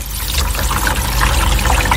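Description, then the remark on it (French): Heavy rain pours down from black clouds in a steady, dense wash of hiss and splatter over a low rumble, continuous and fairly loud for two seconds with no voices. “Vous entendez les nuages noirs qui déversent la pluie?”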